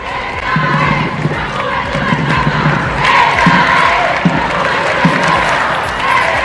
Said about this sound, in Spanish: Volvíamos a escuchar Juventud del Papa, ¡viva el Papa! Son los gritos que le han acompañado desde su llegada ayer a Madrid, hoy con mucho más calor para los que llevan desde primerísima hora de la mañana en la calle.